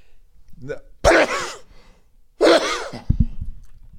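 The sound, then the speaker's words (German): Two loud sneezes into a microphone hit hard and sharp, each preceded by a short sharp inhale, with a brief pause between them and a bit of rustling or breathy noise afterward; a hand is held in front of the mouth. “Wenn man niesen muss, dann hält man das Mikro irgendwo anders hin.”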